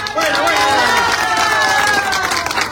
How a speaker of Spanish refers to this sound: A ver, compañeros, pide un voto de aplauso para el alcalde electo.